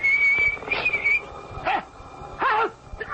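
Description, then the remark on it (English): A man whistles a thin, wavering tune for about a second as he walks along a path in the dark, with fog coming over the path. Then several sharp, rising-and-falling animal-like cries take over in short bursts. “He's coming now, whistling in the dark.”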